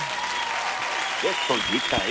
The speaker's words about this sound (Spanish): Aplausos para los más guapos de la radio. Eso. Pero son los más guapos, guapos de los guapos.